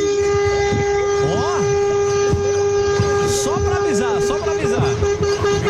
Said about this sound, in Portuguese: Ó, os caras estão no rodoanel e buzinando.